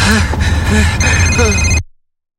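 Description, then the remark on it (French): A telephone rings with steady, high electronic tones over a heavy low rumble, a voice murmuring underneath, before everything cuts off abruptly. “Pourquoi tu laisserais pas faire ta messagerie?”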